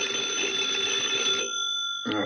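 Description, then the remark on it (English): A bedside telephone beside a pillow at home rings at 3 o'clock in the morning with a loud, sustained electronic trill that stops briefly before the next ring starts. No one speaks. “At 3 o'clock that morning, FBI Special Agent Taylor was asleep at home when the phone beside his pillow suddenly went off.”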